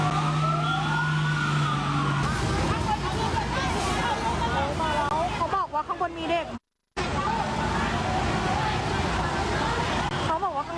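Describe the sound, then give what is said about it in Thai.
A fire engine siren wails continuously with rising and falling tones, loud, as fire engines arrive at a fire at the Chaloem Phra Kiat building of Ban Phaeo Hospital, Samut Sakhon, around 6 p.m., over a busy scene of patients being evacuated amid heavy smoke, with people talking and shouting; the sound cuts out briefly near the end before resuming. “ตอนนี้กำลังเคลื่อนย้ายผู้ป่วยที่อยู่บนตึกนะคะลงมาตอนนี้ควันออกมาเยอะมากแล้วอะรถดับเพลิงมาแล้ว”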